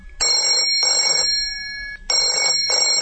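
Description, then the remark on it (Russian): A telephone rings in the morning in two pairs of short, bright electronic trills, loud, with brief silences between the bursts and no voices. “Утром меня разбудил телефонный звонок.”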